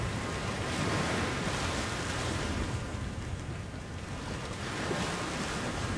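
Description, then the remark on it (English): Rough ocean waves wash and churn continuously on open water, a loud, dense roar with gusts of wind swelling and easing throughout. No voices are heard. “But the waves were rowdy too.”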